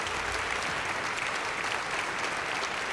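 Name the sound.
audience applause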